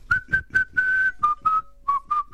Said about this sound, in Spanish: Qué lindo ese silbido.